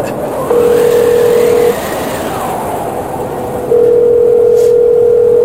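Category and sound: signal or alarm, outgoing phone call ringing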